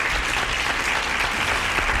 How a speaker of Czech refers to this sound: Ano, potlesk letí za vámi.